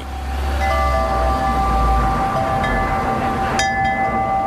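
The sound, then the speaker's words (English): Metallic wind chimes ring out in a few separate clusters at a small Buddhist temple with a garden-like yard and Buddhist statuettes in Sapa, their bright sustained tones overlapping and fading slowly over steady low rumbling noise, with a voice briefly speaking. “And that's why you probably can hear the wind chimes”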